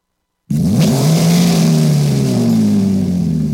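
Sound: car engine revving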